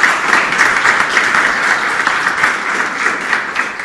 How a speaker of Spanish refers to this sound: Un fuerte aplauso para la institución Daniel Alcides Carrión, que viene desde Pango. Bien fuerte, se une, se suman.